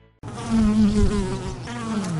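A bee buzzes steadily, its droning hum wavering slightly in pitch and loudness, with no other sounds around it, in a Casino Sopron promotion.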